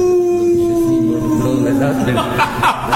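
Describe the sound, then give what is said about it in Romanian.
A person lets out a long, loud dog-like howl, a sustained wavering tone that slowly slides down in pitch before breaking into rougher, choppy vocal sounds near the end. “Eu urlu la lume!”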